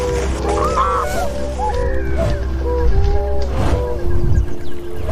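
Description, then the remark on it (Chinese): Tundra swans call in a noisy chorus at Wuliangsuhai lake in China, a stopover on their migration to Siberia, with overlapping honks and bugling notes rising from a large flock over a steady low rumble. “短暂休整及补充营养后，小天鹅便会继续飞往西伯利亚。”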